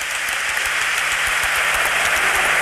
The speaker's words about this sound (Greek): Βγαίνει ο Ζαφίρης από το μάτς. Χειροκρότημα της εξέδρας στον Χρήστο Ζαφίρη. Χειροκρότημα και για τον Κρίστιαν Γιάκητς.